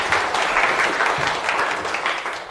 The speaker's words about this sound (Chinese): 大家掌声欢迎。